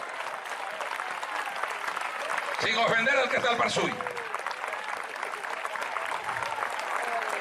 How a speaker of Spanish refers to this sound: Denle un aplauso al Cristo de la gloria.